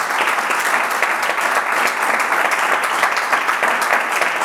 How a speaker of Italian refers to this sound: Un altro applauso te lo facciamo.